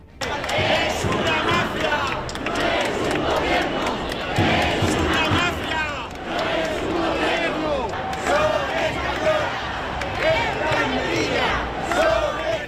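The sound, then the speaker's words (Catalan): A large crowd at a protest march in the streets of Madrid in support of Ceuta chants and shouts together in a steady, loud din. Protesters carry Spanish flags and call for Sánchez's resignation. Voices rise in rhythmic waves with occasional sharper yells cutting through the continuous roar. “Banderes espanyoles, crits de Sánchez, dimissió i proclames en defensa de Ceuta estan sent els protagonistes d'esta protesta”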